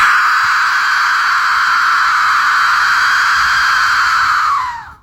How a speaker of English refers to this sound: The soothing sound of the Aztec death whistle. Just rearranged my DNA.